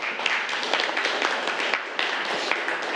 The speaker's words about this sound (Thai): โอเคปรบมือให้กับเพื่อนเลยนักเรียนนะ